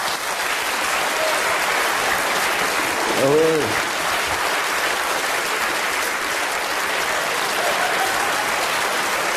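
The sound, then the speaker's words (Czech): Steady, dense audience applause fills the whole stretch at an even level, with a brief voiced shout or whoop rising out of the clapping partway through. “A víte, pan domácí má starost, aby měl větší potlesk než Radek.”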